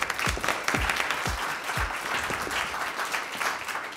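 A crowd applauds steadily for the final of a fencing competition, dense clapping filling the whole stretch, with a few heavier low thumps in the first two seconds.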